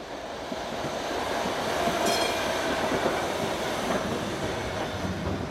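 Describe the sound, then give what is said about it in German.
An elevated U-Bahn train on Schönhauser Allee in Berlin rumbles steadily along with dense clattering wheel noise, a brief metallic squeal rising near the middle, all over the constant roar of busy street traffic of cars. No one speaks. “Die Schönhauser Allee gehört zu den Verkehrsachsen der Hauptstadt, die zu keiner Tageszeit zur Ruhe kommen. Autos, die überirdisch fahrende U-Bahn, dazu zig Baustellen.”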